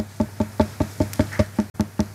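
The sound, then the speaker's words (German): Steady knocking on a watermelon kept in a refrigerator, tested for ripeness by its sound: about ten hollow, resonant thumps in an even rhythm, each with a short ringing tone, with no talking. “Und Ernährungsexpertin Jutta Löbert kann uns auch schon mal erklären, wie wir die perfekte Wassermelone am Klang erkennen. Es sollte so ein heller, hohler Ton sein.”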